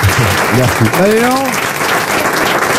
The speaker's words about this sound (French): C'est vrai? C'est beau ça. On l'applaudit.